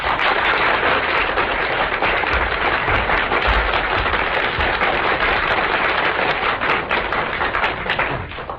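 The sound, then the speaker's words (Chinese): An audience claps continuously for several seconds to welcome two Tianjin crosstalk masters, Yu Baolin and Feng Baohua, performing the piece Zha Mei An, a dense, steady wash of crisp hand claps that holds its loudness and eases off slightly at the very end, with no voices. “咱们掌声请出天津这两位相声名家。”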